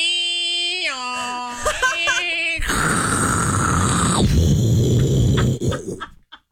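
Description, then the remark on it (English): A voice imitates a dial-up modem connecting, starting with stepped, warbling whistle tones, then breaking into a loud, harsh static screech that holds for a few seconds before cutting off. “Do old dial up.”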